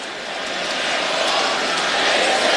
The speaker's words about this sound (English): Crowd on its feet at Madison Square Garden, appropriately applauding the effort by the Knicks here in the second half on both ends of the floor.